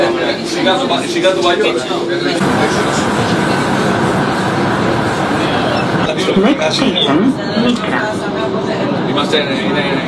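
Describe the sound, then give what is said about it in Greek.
A steady, loud rumble of a metro train running along the track toward Mikra station on the opening of the city's metro, with a whining hum that shifts partway through. Voices seem to murmur faintly beneath the continuous ride noise. “Κατευθύνεται λοιπόν με το μετρό, όπως σας είπα, για να φτάσει στην Μίκρα, να έρθει να κάνει τα εγκαίνια του μετρό της πόλης.”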